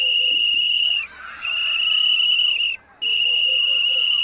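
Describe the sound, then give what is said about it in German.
A firefighter's shrill whistle sounds three long, steady high blasts in a row, each lasting over a second with only brief pauses between them, loud with no voices: a distress signal telling other firefighters that the whistler is in danger and needs help. “Wenn ich zum Beispiel so pfeife, also ein paar Mal einen langen, hohen Ton, dann wissen alle anderen Feuerwehrleute, dass ich selbst in Gefahr bin und Hilfe von den anderen Feuerwehrleuten brauche.”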